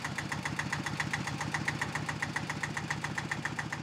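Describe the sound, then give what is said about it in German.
A tractor engine idles, its steady, rapid chugging pulsing evenly throughout with a rough diesel rattle and no voices; the tractor's load is being moved onto a boat. “Vom Trecker geht die Ladung erst aufs Boot und wird später nochmal umgepackt ins Auto.”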